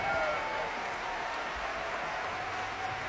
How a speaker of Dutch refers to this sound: En je hoort op de achtergrond het applaus vanuit dus de concertzaal in Frankrijk. Ongetwijfeld worden de verschillende instrumentgroepen uit het orkest, solisten, even aangewezen voor een eigen applaus door dirigent Raphaël Pichon.